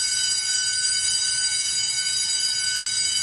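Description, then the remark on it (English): A harsh school bell rings loudly and continuously, a steady, buzzing metallic clang that breaks off for an instant near the end before carrying on. No one speaks. “Instead, they show up with that harsh bell. It's a harsh, nasty bell, just like in a factory.”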